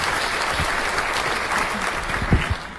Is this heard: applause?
yes